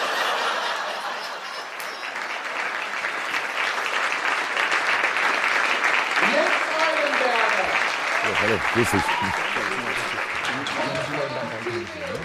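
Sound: audience clapping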